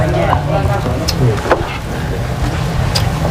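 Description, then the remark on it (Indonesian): Pieces of beef lung fry in hot oil with a steady, dense sizzle, broken by a few sharp pops and crackles over a low, constant rumble. “Setelah paru berukuran besar matang, tinggal masukkan potongan paru yang berukuran kecil.”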